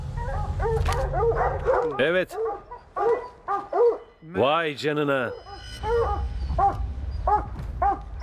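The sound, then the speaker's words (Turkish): Several hunting dogs bark and bay excitedly in rapid, overlapping bursts at a mountain lion that has climbed about 18 metres up a tree, with a loud drawn-out howl in the middle, while a man speaks briefly over the noise. “Köpekleri en hızlı şekilde aslandan ayırmam gerekiyor.”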